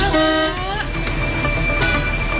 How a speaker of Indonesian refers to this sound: Tuh, mobil di belakang-belakang juga udah bising klaksonnya kayak motor bang.